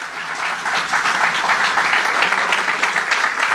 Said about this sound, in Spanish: Fuerte el aplauso si lo desea hacer en esta hora.